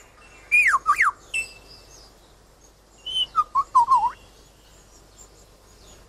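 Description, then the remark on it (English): A male bird in the forest imitates a camera shutter with two bursts of sharp mechanical clicks laced with swooping whistled notes, separated by a pause, with no talking. “He also, in his attempt to outsing his rivals, incorporates other sounds that he hears in the forest. That was a camera shutter.”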